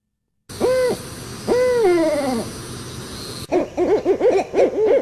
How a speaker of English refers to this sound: Now, the barred owl across the breast has a pattern that's cross stripes. That's how they're called barred owls. Do you have it? Which one? Yeah, I do. I have the barred owl. Go for it.